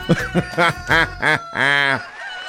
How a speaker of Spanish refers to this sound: ahí está el gallo cantando el gallo.